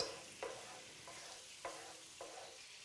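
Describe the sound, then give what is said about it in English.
Sauce for a pork tenderloin sizzles and bubbles in a hot pan, boiling away to reduce, with a steady, crackling hiss, broken by four soft knocks at roughly even intervals, like a utensil stirring. No one speaks. “adding it to the hot pan and letting it boil away to reduce some of the mixture in it.”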